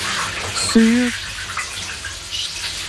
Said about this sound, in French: Avez-vous deviné le nom du chanteur qui prend sa douche, qui a l'air de prendre beaucoup de plaisir d'ailleurs sous la douche?